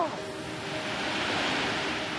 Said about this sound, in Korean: 이게 빅토리아 폭포입니다. 와.